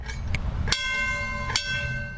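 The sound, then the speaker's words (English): A trolley bell clangs twice, about a second apart, each strike ringing on with a sustained metallic tone over a low rumbling vehicle background. “I like the ring the bell too.”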